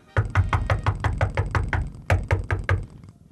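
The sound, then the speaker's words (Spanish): A rapid series of about a dozen sharp knocks on a door at midnight, loud, followed after a brief pause by four more insistent raps, with no voices. “Pero coño, ¿quién será? Dice, abre la puerta.”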